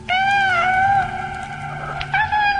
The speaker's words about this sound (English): It was a fall afternoon, and she was in the kitchen processing apples. And she heard what she thought was a kitten in the basement meowing.